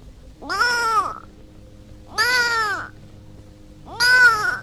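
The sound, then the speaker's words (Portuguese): A kitten meows three times, each cry a drawn-out, rising-then-falling mew about half a second long, spaced by short pauses over a faint steady background hum. “O gatinho.”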